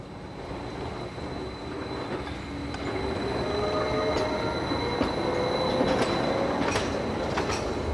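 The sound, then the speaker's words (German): A Gornergrat Railway mountain train near Zermatt rumbles steadily along the track on its way up to the Gornergrat, growing slightly louder, with occasional sharp clicks and faint metallic squeals from the wheels; no voices are heard. “Im 30-Minuten-Takt fahren die Züge hinauf auf den Gornergrat.”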